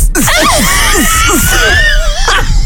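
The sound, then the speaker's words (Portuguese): A voice squeals in a thin, wavering high pitch, imitating the treble of loudspeakers being tested, while short downward-sliding chirps repeat beneath it. Loud, lasting about three seconds. “Agora os agudos.”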